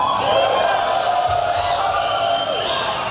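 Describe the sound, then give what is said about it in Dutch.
A large crowd cheers and whoops continuously at the Tesla Semi electric truck unveiling event as Elon Musk presents the trucks on stage, a dense roar of many voices at steady loudness, with shouts rising above the wash of applause-like noise. “Ja, je hoort het publiek gleed van zijn stoel af.”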